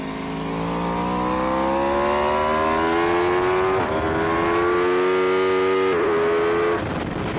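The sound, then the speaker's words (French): The V4 engine of an Aprilia motorcycle revs hard and loud on a race circuit, its droning pitch climbing steadily, dipping briefly at two quick gear shifts before rising again. No one speaks. “Parce que oui, cet Aprilia, sa particularité c'est son moteur V4.”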